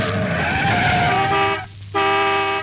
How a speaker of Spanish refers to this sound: Hasta que se oía el chirriar de los frenos.